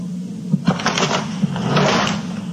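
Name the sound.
dresser drawer being shut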